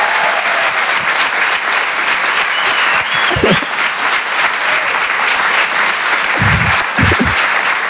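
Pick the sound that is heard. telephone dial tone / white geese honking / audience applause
audience applause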